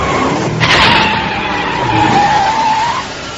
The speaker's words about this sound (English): Hear that? It's his car.